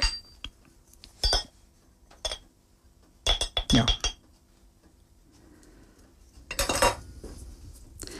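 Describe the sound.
Butter from the fridge and a little cinnamon being added to a bowl: a few sharp clinks and scrapes of a utensil against the dish in scattered bursts, with a brief spoken word and quiet pauses between.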